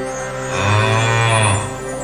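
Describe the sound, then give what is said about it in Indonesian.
A golden calf statue, made from melted gold, sounds as the wind blows through it: a single long, low moo swells up and fades over about a second, with a steady airy hiss running underneath. No one speaks. “Begitulah bunyi patung itu setiap kali angin bertiup.”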